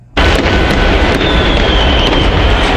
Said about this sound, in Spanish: Los fuegos artificiales iluminaron el cielo de la capital argentina pese a la derrota de la selección.